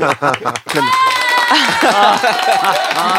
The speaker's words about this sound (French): Ah, c'est bien d'avoir des applaudissements enregistrés, ça évite de se fatiguer.